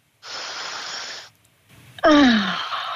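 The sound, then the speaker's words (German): At a window, a long, deep breath of Tyrolean fresh air is drawn in, a brief pause, then a loud voiced exhale sliding down into a contented sigh. “Und gib uns durchs Radio jetzt Tiroler Frischluft. Komm, wir atmen mit.”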